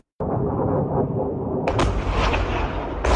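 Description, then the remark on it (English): Loud explosions as Iranian missiles and drones strike a US airbase in Jordan on a Friday night: a sudden deep roaring blast rumbles on, broken by two sharp, crackling bursts, with no voices. “A US airbase under attack. On Friday night, Iran launched missiles and drones into Jordan.”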